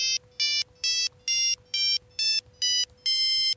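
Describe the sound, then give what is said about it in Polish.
A bright, buzzy online monophonic ringtone synthesizer, played on a computer keyboard, plays a short tune of eight quick notes, its pitch stepping around, sounding almost like an original Nokia mobile phone ringtone, with a faint steady hum underneath and no talking. “Brzmi to prawie jak rzeczywiście oryginalna Nokia.”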